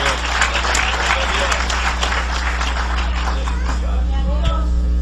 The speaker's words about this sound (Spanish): Aleluya, dale un aplauso al Cordero de Dios.